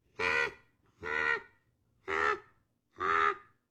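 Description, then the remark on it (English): A common raven gives four hoarse, croaking calls at a steady, evenly spaced rhythm, each call short and loud, with no voices. “This is a raven, common raven.”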